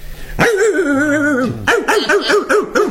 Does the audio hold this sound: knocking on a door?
no